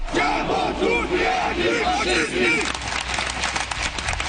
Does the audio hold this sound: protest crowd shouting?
yes